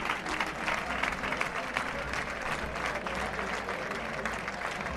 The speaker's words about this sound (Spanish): Pasa un torero, señores, hay que levantarse y guardar el respeto. Escuchen las palmas.